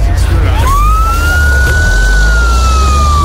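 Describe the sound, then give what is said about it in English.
An ambulance siren wails as the ambulance drives away carrying an injured man, one long tone sweeping up and then slowly sagging in pitch, over a steady low rumble of traffic or engine noise. “I watched as they put him in the ambulance and drove away.”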